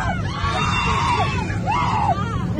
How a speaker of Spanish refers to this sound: Estos gritos es como consecuencia de un descenso brusco del avión.